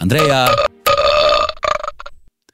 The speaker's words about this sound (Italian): Ci salutiamo su una tempesta di rutti creati con il mio cazzillo di plastica che tengo sempre in mano.